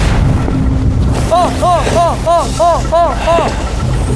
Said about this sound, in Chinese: 这个风太大， 风老大能出去吗？ 风也大，浪也大，我们都今天都没有出海呀。